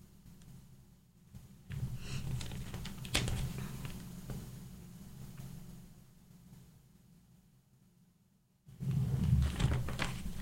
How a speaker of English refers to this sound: Turning the page here.